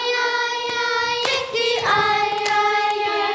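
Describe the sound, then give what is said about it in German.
24 children aged 5 to 10 in a choir hall clap their hands and slap their thighs in a steady beat, about one sharp hit every half second, while warming up their voices with loud, sustained sung notes that shift pitch partway through. “24 Mädchen und Jungen im Sommeroutfit sitzen bei heißen Temperaturen im wohltemperierten Chorsaal, klatschen in die Hände und auf ihre Oberschenkel und singen sich warm.”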